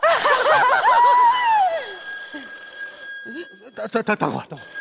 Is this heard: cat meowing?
no